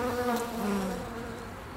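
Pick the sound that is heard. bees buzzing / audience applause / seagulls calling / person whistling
bees buzzing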